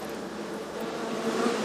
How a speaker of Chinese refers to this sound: 你看这个蜜蜂密密麻麻的，这起码得有几万只。